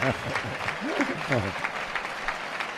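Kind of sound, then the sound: crowd, bullring crowd ovation applause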